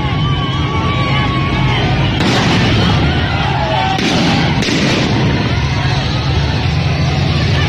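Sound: firecrackers exploding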